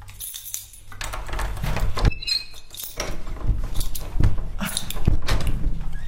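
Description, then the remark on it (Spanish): Clunks, scrapes and a metallic jingle like keys as a stiff apartment door on a fourth floor is worked open, with a few sharp knocks and rattles spread across several seconds. “Va fatal la puerta.”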